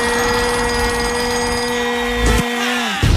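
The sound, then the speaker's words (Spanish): An alarm bell rings loudly and continuously for about three seconds, a harsh, steady metallic clatter that wavers briefly before the end, with no voices. “Estamos ready, porque aquí suena la alarma, hay que levantarse.”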